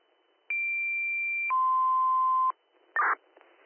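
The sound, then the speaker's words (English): A two-tone fire dispatch radio page, sent again by the fire dispatcher: a steady high tone holds for a second, then drops to a lower tone for another second, loud and clean, followed by a short burst of radio static and another tone starting. “Drop my tones one more time, please.”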